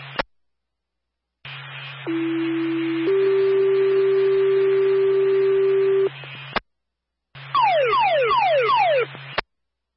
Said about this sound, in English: Repeat, this tone is for Claremont Fire. Ask to respond to CVS 1 Wall Street, box number 0241, for a box alarm showing fire alarm.